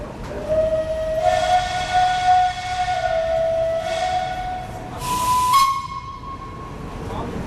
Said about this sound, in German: Die Zugskomposition im Zürcher Hauptbahnhof fällt auf. Vorne eine Dampflocke, dazwischen historische Wege und hinten das grüne Krokodil mit seinen langen Schnauze vorne und hinten. Der Zug fährt ab.